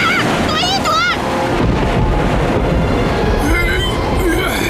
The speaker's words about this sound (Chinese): 没事的，皮特，这种小暴风雨吓不到我咔嚓船长的。也许这小暴风雨一点儿也不小，我们找个地方躲一躲。